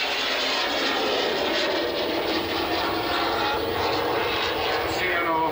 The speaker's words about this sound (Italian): la formazione la vedete a destra ora per la parte finale clou dello spettacolo, in una linea di fronte di ben 7 velivoli, vedrete effettuare per la prima volta quest'anno il triplo tonneau.